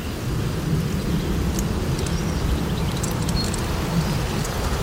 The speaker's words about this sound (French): C'est des frottements des feuilles entre elles avec le vent. Donc là, on entend qu'elle remplit vraiment sa fonction de protéger du vent, en fait.